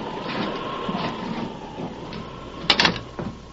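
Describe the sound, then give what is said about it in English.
An unlocked door is opened against a steady rushing background during a storm, with a sharp rattling latch sound near the end and no voices. “The door's unlocked. Come on.”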